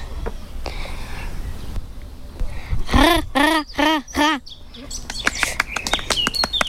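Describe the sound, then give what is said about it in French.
A common raven calls four times in a quick, evenly spaced series of loud, harsh croaks, followed by fainter chirps from small birds over a low outdoor rumble. “Enfin, le bruit. Le pas le bruit, le chant. Oui, le chant. Qua qua qua qua. Je vais présenter le grand corbeau.”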